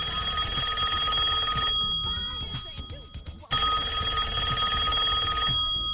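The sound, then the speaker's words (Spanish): A telephone rings twice as a long-distance call is placed to Itatí, each long burst of a bright, buzzing electronic bell separated by a short gap, loud with no one talking. “Los pagos de Itatí, y lo voy a llamar donde consiga el teléfono, ¿eh?”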